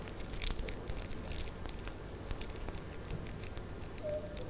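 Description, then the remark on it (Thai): Paper crumpled by hand as a teacher shows children how to crumple paper to make fish scales, a continuous crackly rustling with irregular sharp crinkles and crunches running steadily throughout, no voices. “ให้เด็กๆค่อยๆขยำแบบนี้เลยค่ะแบบนี้นะคะเด็กๆค่อยๆใช้มือขยำกระดาษของเราแบบนี้ค่ะ”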